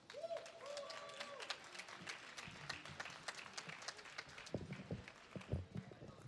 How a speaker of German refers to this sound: Bitte nochmal viel Applaus.